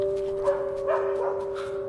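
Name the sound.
dog barking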